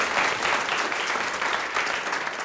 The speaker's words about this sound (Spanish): quien les pide un aplauso.